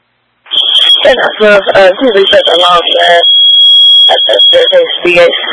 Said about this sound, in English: Well, reset the alarm as well.